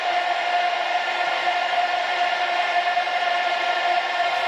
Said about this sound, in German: Ich finde es immer krass. Ich kriege jedes Mal Gänsehaut, wenn ich höre, dass ganz viele Menschen zusammen singen oder auch auf Konzerten irgendwie eine gleiche Bewegung machen oder irgendwie sowas.